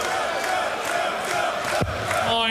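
A large darts crowd roars and shouts continuously as player Van Duivenbode argues with the audience, a dense wall of overlapping voices at steady loudness, with a brief sharp rising whistle-like cry near the end.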